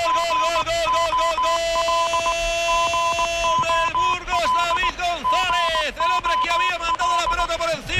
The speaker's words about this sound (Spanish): Ahí está el claxon precisamente del autobús del Real Oviedo